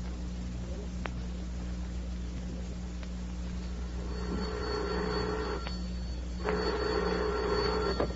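A telephone bell rings twice in long, buzzing bursts, each about a second and a half, separated by a short pause, over a steady low electrical hum.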